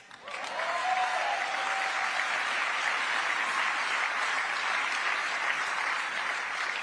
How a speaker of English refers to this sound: Are you going to clap after every...